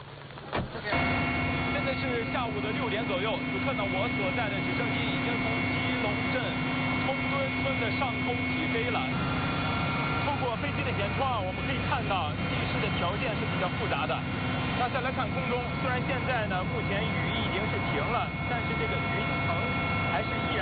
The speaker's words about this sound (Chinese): 现在是下午的6点左右，此刻呢，我所在的直升机已经从吉隆镇冲墩村的上空起飞了。